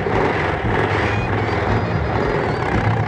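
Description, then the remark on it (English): A submarine's engines are started and churn with a loud, steady mechanical roar, a deep throbbing hum underneath a broad hiss, holding constant for a few seconds with no voices. “Start the engines.”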